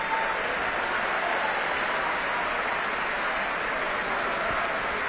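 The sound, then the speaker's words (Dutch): Steady, dense applause from a concert audience for the orchestra musicians, including bassoonist Gustavo Núñez and concertmaster Vesco Eskenazi: a continuous wash of many hands clapping at an even, fairly loud level throughout, with no voices standing out. “En ook fagotist Gustavo Núñez verdient zeker een applaus hier.”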